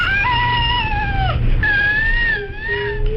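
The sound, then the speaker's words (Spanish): A baby with cri du chat syndrome, a genetic condition caused by loss of part of chromosome 5, gives a high-pitched, thin, mewing cry like a cat's meow, in two long sustained wails with a brief break between them, fairly loud with no talking. “Vamos a escuchar el llanto real de un bebé con este síndrome.”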